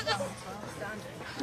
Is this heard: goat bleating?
yes